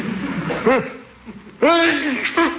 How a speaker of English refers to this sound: Bless you.